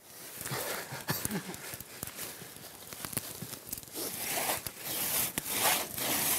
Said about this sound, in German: Den Stamm wollen sie in etwa 3 Meter lange Stücke schneiden. Dazu benutzen die Zimmerer wieder die Trommsäge.